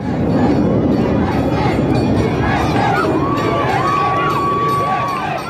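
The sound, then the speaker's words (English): A large crowd of tens of thousands of locals and visitors along Park City's Main Street cheers and chants "USA" at the annual 4th of July parade, a steady, loud roar of overlapping voices, while a thin, sustained siren-like tone rises and holds through the second half. “Cheering and chanting USA, tens of thousands of locals and visitors gathered along Park City's Main Street for the town's annual 4th of July parade.”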